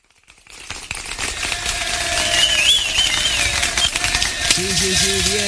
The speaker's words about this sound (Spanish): Y este aplauso. A ver, operador técnico, súbame ese aplauso de toda nuestra tribuna.